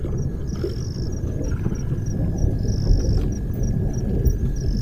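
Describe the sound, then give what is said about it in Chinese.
A deep, steady rumble of distant thunder from an approaching storm rolls beneath the scene, with a thin insect drone and intermittent high chirps carrying over it outdoors. “随着他的归来，天际已经酝酿着暴风雨的气息。”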